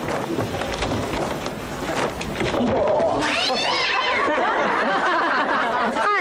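animal, cat yowling

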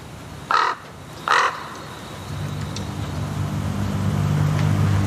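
bird, crows cawing

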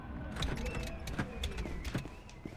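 household object, door being opened

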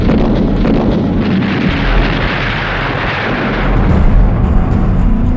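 sound effect, gunfire and artillery explosions

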